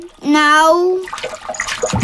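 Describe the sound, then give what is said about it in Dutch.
A drawn-out, rising vocal sound, then water splashing and sloshing in a bathtub, with a louder splash at the very end. “En je mag lekker spetteren en onder water duiken met mijn duikbril.”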